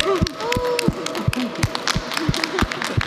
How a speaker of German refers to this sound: Applaus für die bezaubernde Stimme